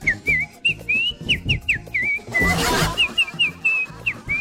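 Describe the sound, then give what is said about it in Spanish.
A clear, bright whistled melody of quick rising and falling phrases, whistled by a chorus singer over a full band with strong low accompaniment, closing a lively vallenato song. “¡Ah, con el silbido del vallenato!”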